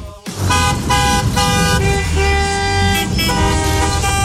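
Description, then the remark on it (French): Several car horns honk over one another in a dense traffic jam of summer holiday departures on roads toward seaside resorts, loud overlapping blasts of different pitches sounding almost continuously above a low rumble of engines. “Ce son, vous le connaissez, c'est celui, bien sûr, des départs en vacances. Et oui, les embouteillages, les klaxons.”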